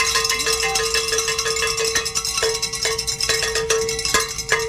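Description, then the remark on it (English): Bells ring loudly and continuously to celebrate reaching $1,000 toward a call-in fundraising goal, a bright clanging with repeated strikes over a steady sustained tone, and no voices. “Oh, let's ring some bells.”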